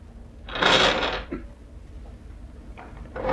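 A drawer scrapes open with a broad, rushing slide and a soft clunk, followed by a pause and then a short rustle of things being shifted inside as someone looks for a photograph. No voices.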